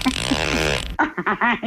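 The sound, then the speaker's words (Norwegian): A cupboard door creaks in one drawn-out, raspy groan lasting about a second, loud, followed by a short burst of someone talking. “Altså, det var det skapdør som knirker der”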